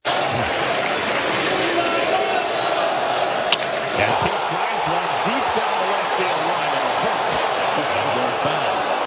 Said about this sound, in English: So it hooks foul. Mets radio on the call. You hear the crowd. That's pretty cool. They all, because now Alonzo's got 299 home runs. It would be his 300th home run.